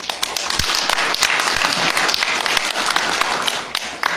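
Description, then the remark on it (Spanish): Sustained audience applause for Miguel, the mayor of Perené and president of the biosphere reserve, a dense wash of many hands clapping at once, steady and fairly loud throughout with scattered sharper claps standing out. “Aparte de ser alcalde, es el presidente de la reserva de biosfera, Miguel, a quien por favor le pido un fuerte voto de aplauso.”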